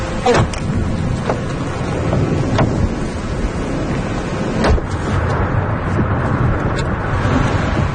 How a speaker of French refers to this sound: Là, on est vraiment au cœur de l'orage. Hein. Ouais. Là, il y a la pluie, le vent, les éclairs. Là, on voit plus rien.